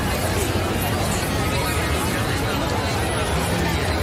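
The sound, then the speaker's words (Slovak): A dense crowd of people in the center of Bratislava, many overlapping voices merging into a steady, loud hubbub with no single speaker standing out. “A potom tu máme aj dav ľudí.”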